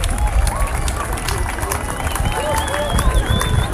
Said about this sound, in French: À 20h27, comme prévu. On applaudit le soleil quand même, c'est magique. Ou la lune, on ne sait pas.